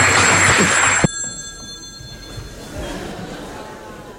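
A loud, bright telephone ring sounds for about a second, then cuts off abruptly with a click, as if the receiver is picked up, leaving a low, quiet background hum.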